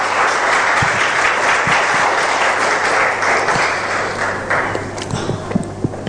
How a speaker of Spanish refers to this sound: Amén y amén. Denle un fuerte aplauso al Rey de Reyes y Señor de Señores.